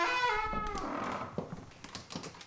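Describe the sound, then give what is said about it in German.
A large special door in a castle, meant only for the king, creaks open with a long, tonal hinge groan, followed by a few soft knocks and clunks as it settles. “Er kommt von seiner Kammer durch die Kapelle, durch diesen langen Flur bis zu einer Spezialtür, die ganz allein für ihn gedacht ist. Die öffne ich jetzt.”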